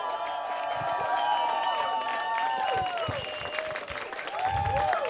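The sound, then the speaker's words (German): Loud, sustained applause from a large crowd for the evening's host, dense clapping filling the whole stretch with scattered cheers and whistles rising above it. “Gebt bitte einen riesigen, tosenden Applaus für Tina Burnstreet!”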